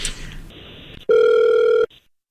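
A single loud burst of an outgoing phone ringback tone, a steady electronic hum lasting under a second, preceded by soft line hiss and followed by silence.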